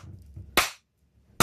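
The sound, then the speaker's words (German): Two sharp, bright hand claps in a song ring out nearly a second apart over a low, quiet musical bed, each one sudden and loud with a short decaying tail. “Da wird auch schüch geklatscht”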